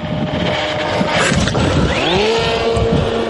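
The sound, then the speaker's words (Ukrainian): A small Leleka reconnaissance drone's motors spin up with a rising whine and settle into a steady buzz as it lifts off to scout a Russian position for FPV pilots, heard over gusty wind rumbling against the microphone. “Чисто, можемо запускати. З Богом.”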